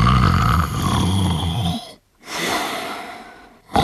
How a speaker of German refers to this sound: Der Mehlock schnarchte noch.